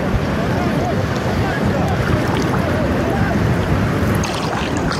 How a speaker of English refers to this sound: So they're now coming in for another round of pickups. The boat is right there.